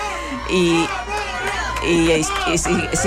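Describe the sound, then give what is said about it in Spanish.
A large crowd of people leaving a papal youth event shouts and cheers continuously, many voices overlapping in a loud, sustained roar with rising bursts of excited yelling, including shouts for Pope Leo. “y sigue habiendo gritos.”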